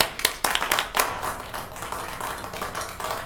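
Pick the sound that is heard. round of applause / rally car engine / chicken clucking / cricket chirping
round of applause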